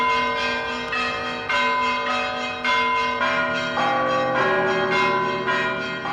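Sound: church bells ringing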